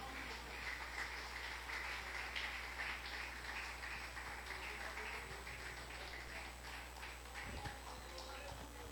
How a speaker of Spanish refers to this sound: Gloria sea el nombre del Señor. Un aplauso a Cristo, hermano.